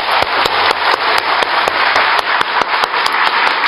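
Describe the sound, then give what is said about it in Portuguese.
A group applauds at the close of a Civil Defense (Defesa Civil) session, dense overlapping claps forming a loud, continuous crackle with a few sharper individual claps standing out at an irregular rhythm. “Uma salva de palmas a todos vocês.”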